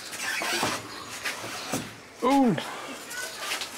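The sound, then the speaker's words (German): A door in a house is let go and swings loose with one short, loud hinge squeal that bends downward in pitch, amid scuffling noise and faint voices. “Mach die mal los, ein bisschen die Tür. Ja, dann lass ich los, ja?”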